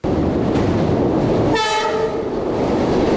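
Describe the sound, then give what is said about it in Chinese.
A train travelling from Hong Kong to Guangzhou rumbles steadily and loudly along the rails, and a single short horn blast sounds partway through over the continuous roar. No one speaks. “在从香港赴广州的火车上”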